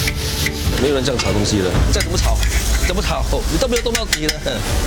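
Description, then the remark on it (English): Continuous scraping and stirring of sambal, around 150 kg, in a large pan at a hawker stall, a spatula rasping against the metal with irregular sharp clacks over a steady sizzle, with muffled voices underneath. “没有人这样炒东西的，这样怎么炒？怎么炒？你都没有动到底了。”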